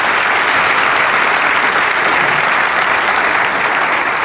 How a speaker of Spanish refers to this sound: Vamos a darle ese aplauso al Señor.